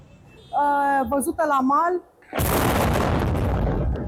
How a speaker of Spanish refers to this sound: La explosión de un dron naval en el puerto rumano de Constanza, lo han visto, ha sorprendido a esta reportera en pleno directo.